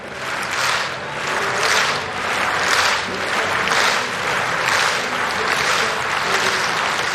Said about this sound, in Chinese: 看看戴维斯·伍德豪尔他的最后一次跳，这次跳的表现如何？他在让现场观众们的这个掌声节奏呢稍微变慢一点。